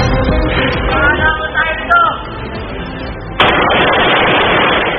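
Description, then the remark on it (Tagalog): A drunk man fires a gun indiscriminately in Kawit, Cavite, shouting as if picking a fight. Gunfire rings out over a noisy, crowded background, with a sharp, loud shot partway through followed by a harsh, sustained roar of noise; voices mingle underneath. “Lalaki sa Kawit, Cavite, walang habas na nagpaputok ng baril.”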